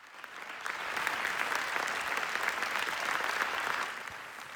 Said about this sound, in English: Well, the audience clapped continuously for Yuval Ebrahim and Rachel Zohar after the screening on Thursday.